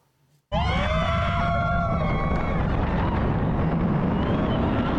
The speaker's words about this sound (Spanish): Gritos, adrenalina y mucha diversión son los principales ingredientes de una montaña rusa.